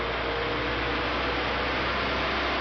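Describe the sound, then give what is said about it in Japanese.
A two-car diesel train, the first train after full restoration of the Kuma River Railway line, pulls away from Hitoyoshi Onsen Station in Japan on a chilly morning, its engine giving off a steady, loud, broad rumbling roar that holds constant throughout with no voices. “全線復旧の告げる一番列車、人吉温泉駅を今2両編成出発していきました。”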